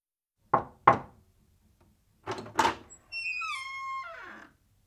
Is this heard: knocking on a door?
yes